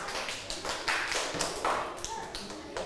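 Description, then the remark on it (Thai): A group of children in a classroom lesson on reading clock times clap together for a group of classmates who gave a correct answer. The claps come in a quick, uneven patter of many overlapping hand claps, steady throughout, with faint voices murmuring underneath. “ชี้เลข6นะคะถูกต้องไหมคะเพื่อนๆกลุ่มอื่นถ้าถูกต้องนะคะปรบมือให้เพื่อนกลุ่มนี้หน่อยค่ะ”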